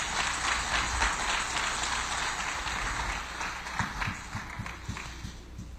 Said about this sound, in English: Come on, give the Lord a hand clap of praise in the house.